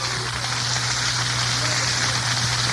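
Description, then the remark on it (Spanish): Sustained applause to the Lord from a church audience at an evening service, a dense, even wash of many hands clapping at once, with no individual claps standing out, steady and loud across the whole stretch beneath a low electrical hum. “Y a su nombre, den un aplauso al Señor fuerte esta noche.”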